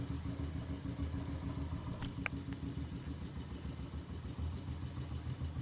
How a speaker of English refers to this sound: I'm gonna turn the motorcycle off now.